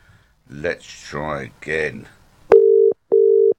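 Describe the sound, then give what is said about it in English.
Two steady, loud telephone line tones, each about half a second, sound in quick succession after a brief stretch of voiced vocal sounds, clear as if heard through the phone, during a live radio call to a tennis correspondent. “Right, I think I've got my tennis correspondent on the phone.”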